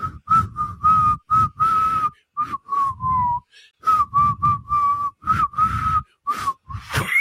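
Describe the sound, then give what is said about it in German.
Someone whistles a Schlager pop tune in short, halting phrases of fairly steady notes, with airy, breathy puffs between the notes and brief pauses that break up the melody. “Du versagst beim Pfeifen.”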